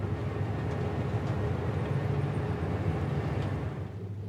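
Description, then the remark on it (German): A steady low rumble of a train at the railway station of Nouadhibou, Mauritania, with a constant droning hum and faint clanks, holding an even loudness throughout before easing slightly at the end. No voices are heard. “Der Bahnhof von Nouadhibou.”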